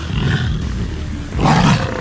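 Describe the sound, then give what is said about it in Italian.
A tiger roars loudly, a deep rumbling growl that swells into a bright, forceful burst near the end, with no one speaking. “Ma è una tigre!”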